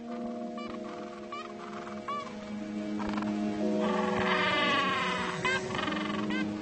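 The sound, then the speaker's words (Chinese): A gentoo penguin colony of more than 300 birds on a plain near a beach, busy incubating eggs and raising chicks, calls in a dense chorus of overlapping braying, bleat-like cries, swelling louder in the middle as many birds call at once over a steady low hum. “300多只企鹅正忙碌着孵卵或者养育雏鸟。”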